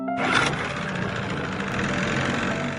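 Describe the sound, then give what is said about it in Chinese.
A boat engine drones loudly and continuously for a few seconds, its throttle varied up and down to make irregular noise that drives Chinese white dolphins away from a marine construction area; a dense mechanical rumble with no voices, pitch shifting only slightly. “不断变化船只马力大小，形成不规则噪音，同时连续不断地敲击竹竿，制造水下声强，直到确认1500米视线范围内没有中华白海豚”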